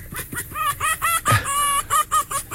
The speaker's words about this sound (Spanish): Dice, el zorro es gañido. Gañido. Del verbo gañir, que es un ladrido ronco, corto y aspirado, ¿no? Lo que escuchamos era como de ponlo otra vez. Una hembra en celo, ¿no?